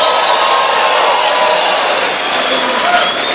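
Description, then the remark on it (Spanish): A church audience shouts a victory cry together in a loud, sustained roar of many voices, with scattered clapping mixed into the dense, steady wall of sound throughout. “Va a tener que dar un grito de victoria aquí.”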